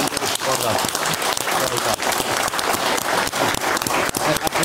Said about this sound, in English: There's another round of applause. Come on.